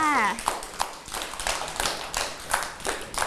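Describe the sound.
A scattering of hand claps from a small group of children applauding a classmate at the teacher's request, uneven and overlapping, with sharp bursts repeating over a few seconds while a voice briefly speaks at the start.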